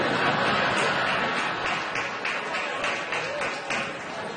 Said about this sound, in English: Nice. Very enthusiastic fat clapping, by the way.